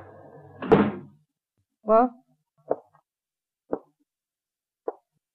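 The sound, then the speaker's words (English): The front door of a log cabin trading post in the Alaskan village of Rutland bangs open at night with a sharp thunk and a brief creak, followed by three slow, evenly spaced footsteps on a wooden floor as a man enters. “Suddenly, the front door swings open.”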